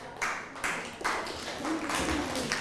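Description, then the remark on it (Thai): A classroom of children claps together for a classmate's answer during a lesson on keeping places clean, a dense, steady patter that swells in a few waves, fairly loud, with a faint voice murmuring underneath near the end. “ทิ้งขยะให้เป็นที่ครับ ทิ้งขยะให้เป็นที่อ้าวปรบมือให้เพื่อนหน่อย”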